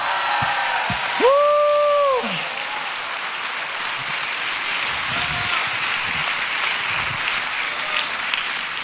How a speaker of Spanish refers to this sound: ¡Dele un aplauso fuerte!